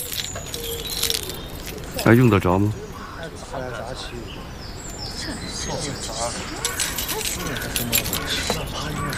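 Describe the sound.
A bunch of keys jingles and clinks as they are handed over to a newcomer, rattling on and off for several seconds, with a brief voice cutting in near the start amid faint background ambience.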